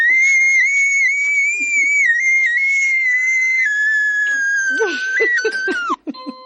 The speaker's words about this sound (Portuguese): Ai, que vontade de gritar.